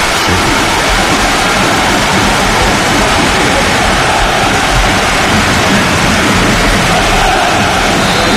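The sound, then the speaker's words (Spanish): Heavy rain pours down steadily on a football stadium during a minute of silence, a dense, loud, unbroken hiss filling the whole stretch with no voices or other distinct sounds standing out. “Pero el sonido es el de la lluvia.”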